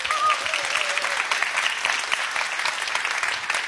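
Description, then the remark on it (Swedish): An audience applauds the band, a dense steady patter of many hands clapping at an even loudness throughout, with a faint whistle rising briefly at the start. “En stor applåd för mitt band.”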